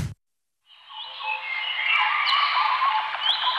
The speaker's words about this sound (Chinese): 鸟鸣，溪流，森林，草原，大海。